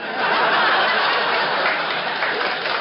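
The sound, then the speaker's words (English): A studio audience applauds in a dense, steady wash of clapping that stays loud and even for about three seconds, with no voices on top. “Don't raise the audience to applaud for you.”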